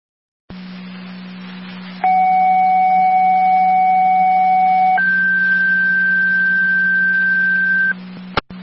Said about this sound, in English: Fire control and Tri Community, second set of tones for the mutual aid request to the City of Niagara Falls.